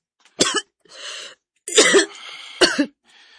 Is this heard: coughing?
yes